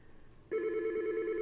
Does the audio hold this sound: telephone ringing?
yes